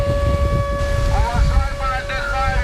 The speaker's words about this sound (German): Luftalarm mitten am Tag am Badestrand von Noworossijsk im Norden der Schwarzmeerküste. Doch viele Menschen bleiben einfach liegen. Dieser Sound scheint hier in diesem Sommer dazu zu gehören. Wind und Meeresrauschen mit heulender Sirene.